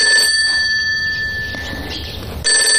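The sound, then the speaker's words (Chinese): A telephone rings with a bright, metallic bell tone, loud bursts at the start and end with a fainter ring sustained between them, and no one speaking. “也许不是小红姐的电话，也许保密局的人根本就没有监听我们的电话呢”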